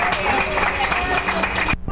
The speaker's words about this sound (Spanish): ¡Fuerte aplauso al Señor, hermano! ¡Gloria a Dios!